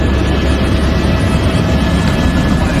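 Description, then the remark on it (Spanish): A firefighting helicopter roars, its engine and rotor producing a loud, steady, low rumbling wash of noise that holds constant throughout with no voices. “Hemos hablado de hidroaviones y ahora toca hablar de helicópteros.”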